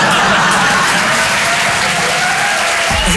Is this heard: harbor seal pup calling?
no